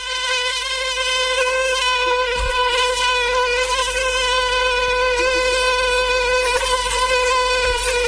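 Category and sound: insect, mosquito buzzing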